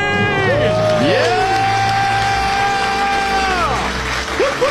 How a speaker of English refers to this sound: Yeah! The crowd goes wild.